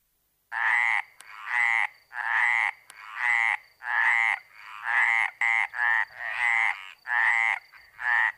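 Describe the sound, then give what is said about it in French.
Frogs croak loudly in a steady rhythmic chorus, about a dozen rasping calls in quick succession with brief gaps between them, and no talking. “Et bonjour chères grenouilles.”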